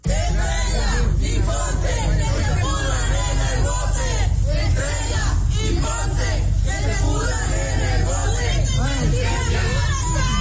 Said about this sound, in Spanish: Se los llevaron ya a la Fiscalía General de Justicia, a las oficinas en el municipio de Altamira. Ahí la gente los estaba esperando, sí, manifestantes, que les gritó sus cosas.